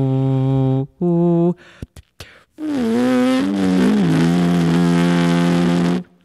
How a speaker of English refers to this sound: Yeah, so this is the plain buzzing. And this is me humming.